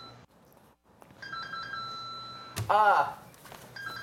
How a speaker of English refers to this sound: So, modified na busina, basically.